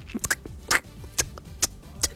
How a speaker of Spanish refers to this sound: y se escuchan ahí las patitas. La uña, cuando de repente a los gatitos se le queda la uña, no sé, en el cobertor, en la sábana o en la frazada o algo, y sacan la garrita, como que se les suelta de donde se quedó enganchado. Y suenan.